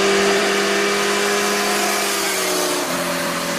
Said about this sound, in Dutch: Een 60 kilometer weg door een natuurgebied wordt daar door motorrijders gebruikt als een racebaan.